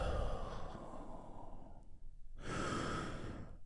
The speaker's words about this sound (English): And I want you to take a big, deep healing breath with me right now. Here we go. And release.